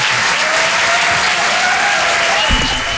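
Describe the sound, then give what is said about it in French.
An audience applauds steadily, a dense, even wash of many hands clapping at a constant loud level throughout, with faint murmuring mixed in. “Non, n'applaudis pas.”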